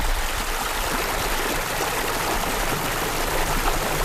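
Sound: flowing river water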